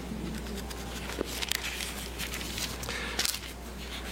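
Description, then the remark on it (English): Paper rustles as someone fumbles with a book page, with a couple of crisp flicks and crackles rising over a soft, steady hiss and low hum, and no one speaking. “Excuse me, I didn't expect to have that much trouble turning the page.”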